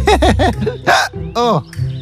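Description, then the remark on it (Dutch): A voice makes a quick run of hiccup sounds, three short voiced gulps in a row followed by a couple of sharper, breathier hics, fairly loud. “De adem blijft hikken.”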